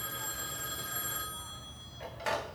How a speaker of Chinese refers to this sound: 喂，关小姐，您电话。